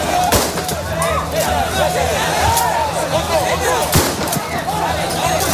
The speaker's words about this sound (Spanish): Son los disparos al aire por parte de la Policía Nacional y es que las escenas de tensión se repiten cada tarde, noche.